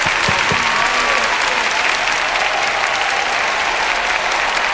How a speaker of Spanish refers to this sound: aplauso.